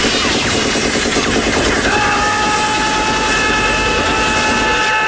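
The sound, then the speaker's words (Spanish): A machine gun fires in one long, unbroken burst, a loud and dense rattle of rapid shots with a faint metallic ringing rising underneath partway through. No one speaks. “Es que esas ráfagas podían durar una eternidad y no quedaba uno vivo.”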